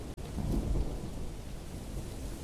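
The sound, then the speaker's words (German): A thunderstorm with a deep, rumbling roll of thunder swelling early on, while steady rain hisses continuously underneath. No voices are heard. “Wohlig weich räkelte sich der Herr des Donners im Schoße seiner Wolkengefolgschaft.”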